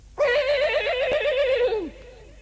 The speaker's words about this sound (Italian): Questo era il nitrito di uno dei suoi due morelli. L'avrebbe riconosciuto tra mille, ma non veniva dalla scuderia. Veniva dal porcile.